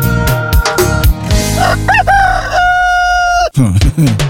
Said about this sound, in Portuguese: Cadê o galo?